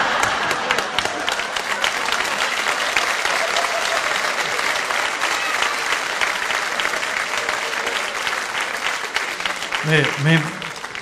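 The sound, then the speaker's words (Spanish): A crowd applauds steadily for about ten seconds, a dense, loud wash of clapping, with a brief voice or cheer rising out of it near the end, applauding the speaker's 44 years of marriage. “No sé qué quiere, que le hagamos un aplauso, un minuto de silencio, lo que quiera, lo que quiera.”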